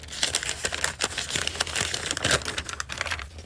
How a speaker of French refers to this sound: Et Véro, je vous propose de prendre un petit papier. Avec plaisir.